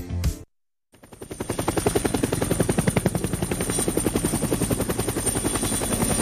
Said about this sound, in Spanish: hasta el helicóptero está dando vuelta en esa reunión.